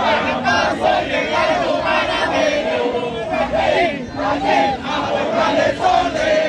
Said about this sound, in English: I can hear the drums banging off in the distance as the Panamanian fans continue to sing and chant as they have been for some time.